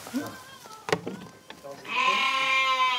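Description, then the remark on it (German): A small Ouessant sheep, of the smallest breed in Europe, bleats loudly: a short nasal call followed by a longer, strained wavering bleat that rises in pitch and holds for over a second. “Die Usson-Schäfchen ist das lauteste Schaf.”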